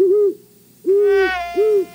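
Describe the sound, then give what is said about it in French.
A great horned owl gives three deep, resonant hoots, a longer one between two shorter ones, clear with no one talking over them, played from a CD-ROM encyclopedia of North American birds on a computer. “Choisissons, par exemple, le Grand-Duc d'Amérique. Le voici. Et ce qui est remarquable avec ce système, c'est qu'on peut même entendre son chant.”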